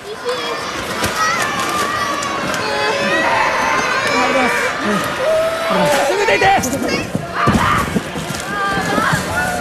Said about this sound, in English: You can hear incredibly frightened residents there while rescue efforts are concentrating on a collapsed shopping mall in Kashima Town, Kumamoto Prefecture, where a number of people are missing and presumed trapped.